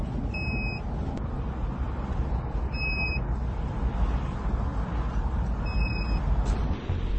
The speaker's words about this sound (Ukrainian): Їдемо по Запоріжжю. Бачите, скільки машин. І чуйка піймала. До речі, не така пізня година. Буквально, яка у нас там? 8:30, да, вечора. Запоріжжя, багато машин у місті.